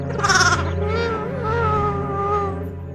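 A lamb named Oscar, with a broken leg, bleats in one long, quavering cry that starts with a loud, bright burst and then wavers on at a steady, slightly lower pitch for about three seconds.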